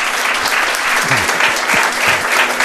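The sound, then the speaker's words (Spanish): A crowd claps steadily in a dense, continuous wash of applause, loud throughout, with faint voices briefly audible underneath, welcoming guest Jesús Callejo. “Don Jesús Callejo, también un aplauso os pido para él.”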